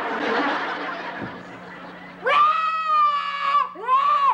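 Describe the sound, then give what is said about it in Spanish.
A child wails loudly in two long, drawn-out bursts, the second rising after a brief break, following a stretch of muffled background noise. “¡Y no vayas a chillar!”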